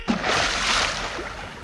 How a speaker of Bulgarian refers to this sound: О, ужас! И паднах в блатото. Пляс!